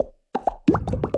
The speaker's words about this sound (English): This is an Aero. And this is the sound of its minty bubbles.